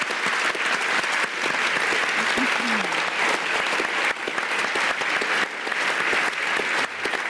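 Sustained applause from an audience for the man who devised the event, a dense, steady wash of clapping hands at full loudness with no voices standing out.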